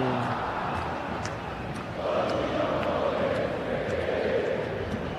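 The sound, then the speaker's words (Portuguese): A large crowd of Palmeiras football supporters chants and sings together during a match against Santos in a steady, dense roar, the massed voices swelling slightly louder partway through and holding there. “E o Santos atacando, mas quem canta é a torcida que canta e vibra. Ouça a torcida do Verdão!”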